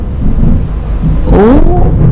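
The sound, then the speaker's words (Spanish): Deep, rolling thunder rumbles loudly and steadily throughout during heavy rain in Carcarañá, with a brief higher whining tone rising over it partway through. “Escúchame, acá ahora aparte de llover, truena.”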